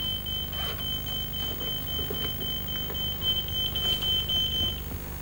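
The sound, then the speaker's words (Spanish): A telephone rings with a steady, high-pitched electronic tone that holds almost unbroken for several seconds over a low background hum, then cuts off near the end; the hospital is calling. “Mary se levanta para coger el aparato.”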